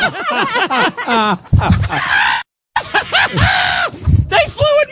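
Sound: chicken squawking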